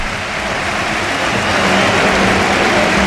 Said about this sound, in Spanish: Se va Rafinha, esta es la ovación.